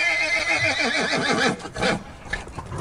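A horse neighs loudly, a long quavering whinny that wavers up and down before trailing off into a few shorter snorting bursts.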